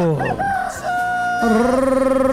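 A rooster crows loudly, one long cock-a-doodle-doo with rising, strained notes that hold steady and then waver toward the end, with no other sounds around it.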